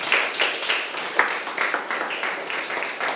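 A group of students in a class clapping for a classmate's answer, a steady crackle of many overlapping claps at moderate loudness that continues evenly for a few seconds with no talking.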